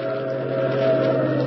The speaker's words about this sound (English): Oh, he's just slowing down for that train. But he only slowed down for a second. Look at him go. I know what he's doing. He's trying to beat that train to the crossing.